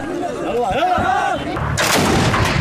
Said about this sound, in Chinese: 更多交火画面显示，胡塞武装人员持续向政府军阵地射击，远处不断有爆炸发生。